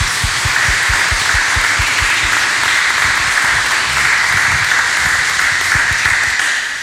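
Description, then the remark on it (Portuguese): A loud, sustained round of applause from many hands for all the fathers at a parish Father's Day celebration, a dense crackling wash that holds steady for about seven seconds and trails off slightly at the end, with no voices. “A forte salva de palmas para todos os pais.”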